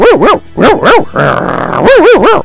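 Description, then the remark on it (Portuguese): A person imitates a small dog with quick, high yipping barks in short bursts of two or three, a brief buzzy growl-like noise in the middle, loud with no other talk. “Tá meio estranho esse cachorrinho, né? Fazer um cachorrinho melhor.”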